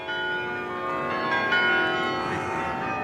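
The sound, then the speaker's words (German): The world-famous carillon bells of Utrecht, Netherlands, ring out with sustained, overlapping metallic tones, several notes blending into a bright, resonant chime that fills the short stretch without any voices. “In Utrecht, Niederlande, der Stadt mit dem weltberühmten Glockenspiel, kulminiert das Problem.”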